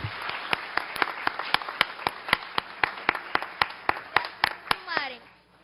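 A round of applause with steady, evenly spaced sharp claps over a soft crowd wash for about five seconds, ending with a brief gliding vocal cheer as the clapping fades.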